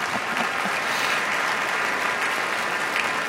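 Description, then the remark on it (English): A crowd applauds a conductor at a musicians' gathering, dense clapping holding at a constant strong level throughout with no voices standing out. “please applaud him also, please.”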